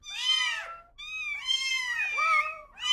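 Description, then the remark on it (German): A cat meows repeatedly, three drawn-out, wavering calls in quick succession with a fourth beginning at the end, loud and clear with no talking. “Und sie passen ihre Miaulaute ihren Menschen an.”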